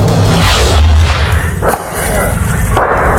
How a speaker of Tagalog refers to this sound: Sunod-sunod ang malalakas na putok habang natutupok ang Pacheco Flea Market sa barangay Maysan, Valenzuela City nitong Martes ng madaling araw. Bumagsak ang mga bubong dahil sa matinding apoy na lumamon sa halos buong Talipapa.